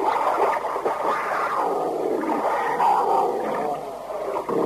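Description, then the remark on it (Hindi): An angry bear roars loudly, a continuous rough growling bellow that rises and falls without a break for several seconds, with no talking. “ये भालू बहुत गुस्से में लग रहा है, और देखो कोई इसे मारेगा नहीं, बस सिर्फ हाँका लगाना है।”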